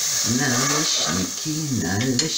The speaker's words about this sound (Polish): Cały czas po prostu smażymy i smażymy naleśniki, smażymy.